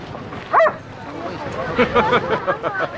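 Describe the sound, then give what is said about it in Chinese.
A dog gives a sharp, loud bark, then a few shorter yips follow while several people chatter in the background, during a welcome for an arriving person. “你是来接我的吗？不是来接狗的吧？”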